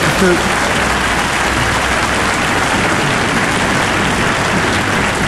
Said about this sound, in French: Applaudissez pas trop, ils vont couper chez vous, hein?